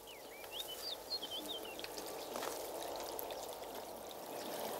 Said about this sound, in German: Hören Sie die Musik des Wassers? Es ist wie Poesie, die singt.